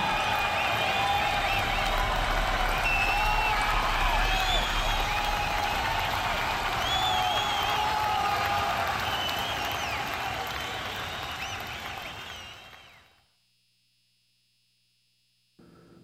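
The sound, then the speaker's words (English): A concert crowd applauds and cheers in a dense, steady roar of clapping with scattered whistles and shouts, fading out after about thirteen seconds into silence. “You all been a great crowd.”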